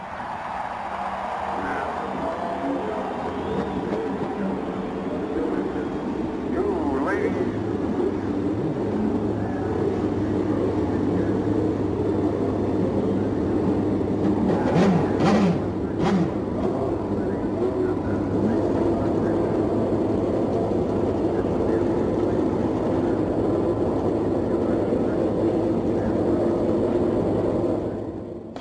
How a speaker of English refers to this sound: And here to give those words is the chairman of the Indianapolis Motor Speedway Board, Mrs. Mary Hallman Jorg. Ladies and gentlemen, start your engines.